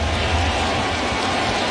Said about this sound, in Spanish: El público se va poniendo de pie. Empiezan a batir palmas.